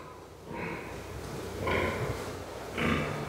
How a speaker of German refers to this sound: Ich denke mal, die unterhalten sich untereinander. Die Sauen sehen sich nicht, deshalb grunzen sie,